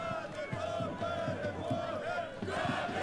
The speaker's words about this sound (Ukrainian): Поки що кам'янчани, яких, як ви чуєте, підтримує місцева публіка, без м'яча проводять цей поєдинок